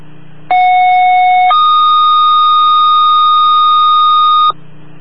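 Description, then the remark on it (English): Loud radio dispatch alert tones, sent before a dispatch for a sick-person call in Hanover Park: a steady pitched tone for about a second, then a higher continuous tone held for three seconds, sounding alone over faint radio hiss. “Stand by, I got tones going.”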